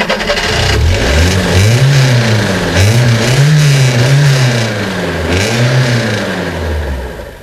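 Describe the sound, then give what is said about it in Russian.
A car stuck in a shallow ditch revs its engine hard in repeated surges, pitch climbing and dropping again and again as it strains to pull free, loud throughout with no talking. “Вот, посадим машину. Ну, парень, как первый раз в ворота засел.”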